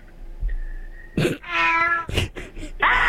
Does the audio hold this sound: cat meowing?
yes